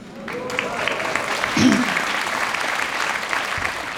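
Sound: audience applause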